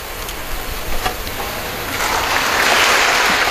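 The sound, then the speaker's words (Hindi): Sustained applause from a large crowd at an Indian military award ceremony, as a lieutenant general salutes the President and receives the Ati Vishisht Seva Medal; a dense wash of clapping that swells louder in the second half and continues steadily without any voices. “और ये तालियां इस बात का परिचायक कि सैनिक ने राष्ट्र की सेवा की है।”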